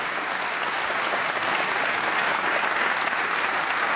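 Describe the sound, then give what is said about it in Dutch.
Steady applause from a concert audience welcoming the pianist Ivan Petrenko, seated at the grand piano, a dense wash of many hands clapping at even loudness throughout, with no voices rising above it. “Dames en heren, mag ik een groot applaus voor Ivan Petrenko.”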